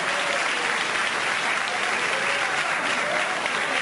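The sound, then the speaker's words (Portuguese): An audience at a church worship service gives a round of applause, loud and steady, a dense wash of many hands clapping at once that holds an even, bright roar for several seconds without voices standing out. “Eu quero ver quem é que tem força para dar a melhor salva de palmas desse culto.”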